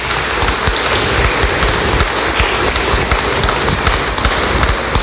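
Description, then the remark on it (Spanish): A crowd applauds a seminarian being introduced, steadily for about five seconds, a dense, even wash of many hands clapping at once with no voices rising above it. “Le damos un fuerte aplauso también.”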